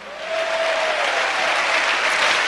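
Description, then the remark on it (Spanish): A church audience claps loudly and steadily in praise of God, a dense wash of applause for a few seconds, with a faint sustained tone briefly audible near the start. “Dale fuerte ese aplauso.”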